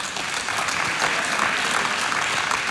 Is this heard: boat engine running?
no